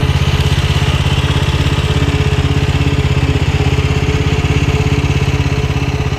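A Beachtech Sweepy Hydro motorized beach-cleaning machine's engine putters steadily, a loud, even, rapid chugging that holds constant throughout with no voices.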